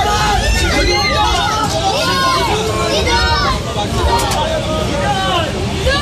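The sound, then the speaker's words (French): A dense crowd of about a hundred onlookers chatters and calls out continuously, many overlapping voices, as the French national football team's bus arrives at its hotel in Izmit, Turkey, at 5 pm, with a low rumble of the bus underneath throughout. “Oui, il est 17h hier quand le bus de l'équipe de France fait son arrivée à son hôtel d'Izmit devant une centaine de curieux.”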